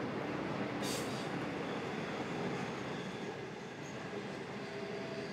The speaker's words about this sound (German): Inzwischen ist es Nacht geworden. Der Zug rast durch die Dunkelheit seinem ersten fahrplanmäßigen Halt entgegen.